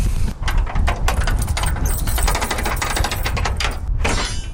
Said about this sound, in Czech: Tak, dveře se nám otvírají, pojďte dále.